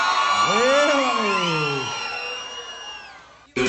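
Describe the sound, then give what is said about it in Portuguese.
A large crowd shouts and whoops together, many overlapping voices rising and swooping in pitch, loud at first and gradually fading over a few seconds before cutting off abruptly. “Só quem não vai morrer de amor nunca na vida, dá um grito pra me ouvir, vai.”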